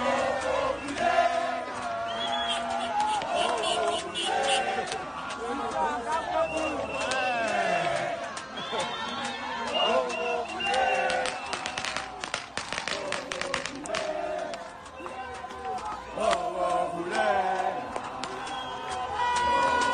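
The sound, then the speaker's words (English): A crowd of supporters in South Africa celebrates Bafana loudly as early as 4 to 5 a.m. on Thursday, with overlapping shouts and cheers, scattered clapping and excited voices forming a dense, continuous roar that rises and falls over twenty seconds. “This is what some of the reactions sounded like as early as 4 and 5 a.m. in the morning on Thursday.”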